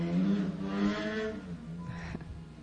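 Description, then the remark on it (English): Motorcycles roar past, their engines a steady, buzzing drone whose pitch rises and then slides down as they go by, with no one talking over it. “I was letting the motorcycles go by. They're pretty loud.”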